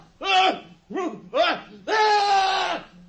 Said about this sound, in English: That scream! It was horrible! What can it mean?